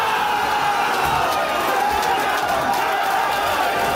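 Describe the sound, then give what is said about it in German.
A large crowd in St. Tönnis cheers loudly and continuously, a dense roar of voices with scattered whoops and shouts rising above it, steady for the whole stretch, as the fifth-tier club is drawn against Eintracht Frankfurt in the DFB-Pokal first round. “Und da gab's großen Jubelsturm, als da der Fünftligist in der Box war und den Gegner zugelost bekommen hat.”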